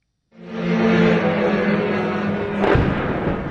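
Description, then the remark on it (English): A heavy explosion booms out over Kyiv, Ukraine, during Russia's full-scale invasion, its deep rumble rolling on for several seconds, with a second sharp blast breaking through near the end. No voices. “Alerts, sirens and explosions are happening all day, every day.”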